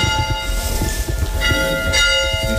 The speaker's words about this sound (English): The township also maintains a historic one-room schoolhouse next to the cemetery, which served students of all ages for about 60 years, beginning in the late 1880s. We park outside and head in. He rings the school bell.